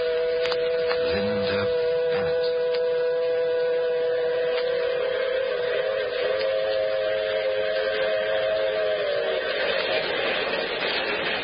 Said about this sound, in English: Yes, and the train. The shiny metal serpent racing across the flatlands of the southwest.